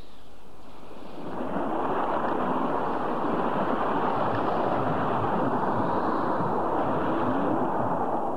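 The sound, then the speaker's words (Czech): Steady, roaring wash of ocean waves mixed with gusting wind rises after a brief quiet second, then holds loud and continuous with no voices, as waves and wind strike the left side of a ship at sea after a sudden change of wind. “Tlačil nás zezadu a teď máme vlny i vítr na levém boku.”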